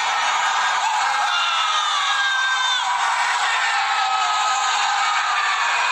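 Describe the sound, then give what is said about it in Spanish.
A dense wash of crowd shouting and cheering from balconies during an Argentina football match after the second goal, recorded from the street, many voices yelling and whooping together, steady and loud for the whole stretch with individual cries rising out of the roar. “Ahí están gritando en el balcón. Toda la gente gritando.”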